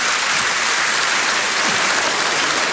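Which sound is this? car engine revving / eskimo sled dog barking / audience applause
audience applause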